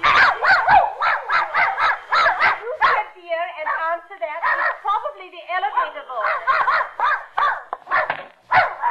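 A dog named Rintin barks in quick, repeated loud yaps, with a brief whining stretch in the middle before the rapid barking picks up again.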